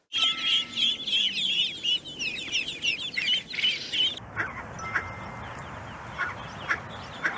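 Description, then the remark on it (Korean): Ducklings peeping in a busy chorus of rapid, high-pitched chirps, thinning after a few seconds to scattered single peeps over a low background rumble. “그다음에 혹시 새끼들의 소리 들어보신 적 있나요? 삐삐삐삐 그러겠죠.”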